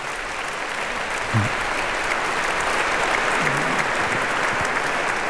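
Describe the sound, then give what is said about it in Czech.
Sustained audience applause for two figures of the Bohemian Heritage Fund foundation, a dense, steady wash of many hands clapping at an even loudness throughout, with a few faint voices briefly audible beneath it. “protože ti dva si zasluhují také velký potlesk.”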